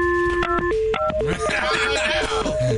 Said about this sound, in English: I dialed too many numbers.